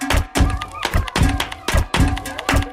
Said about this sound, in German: Ihr seht zwar etwas benämmert dabei aus, aber klingt gar nicht schlecht. Da klatsche ich doch gleich mal im Takt dazu.